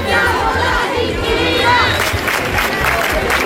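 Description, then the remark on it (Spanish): A protest crowd of more than 1,000 people at Las Setas in central Seville, Spain, protesting against housing speculation, chants and shouts together, many voices blending into a loud, continuous roar with rhythmic surges and bursts of cheering throughout. “Si en Sevilla más de 1,000 personas se concentraron en Las Setas, en el centro de la ciudad.”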